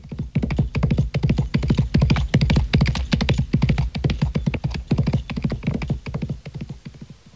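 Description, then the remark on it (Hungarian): Hooves clatter in a fast, steady clip-clop as horses run, a dense rhythm of loud hoofbeats that carries through the whole stretch without any voices. “Futtassuk át meg még egyszer a lovakat.”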